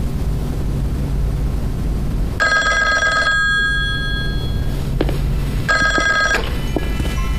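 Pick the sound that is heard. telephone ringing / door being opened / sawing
telephone ringing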